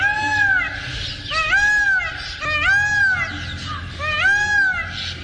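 A blue peacock gives a series of loud, wailing calls, four rising-and-falling cries in steady succession, each harsh and nasal, with no voices present.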